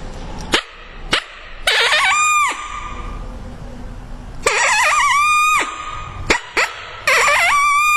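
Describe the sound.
A mouth call imitates a smaller, less dominant coyote: a few sharp barks followed by short, wavering howls that rise briefly and then cut off abruptly, repeated with pauses in between.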